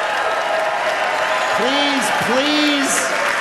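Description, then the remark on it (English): A crowd applauds steadily and loudly, a dense wash of clapping from start to finish, with a couple of short rising-and-falling voices cutting through midway. “Please do not clap.”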